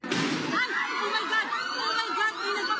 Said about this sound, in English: The gunshots echo through the halls of the Philippine Senate, politicians and journalists running for cover.